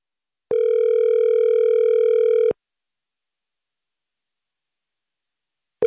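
A telephone ringback tone as a call is placed: a steady electronic buzz lasting about two seconds, then a few seconds of silence before the next ring begins. Clear, with no voices.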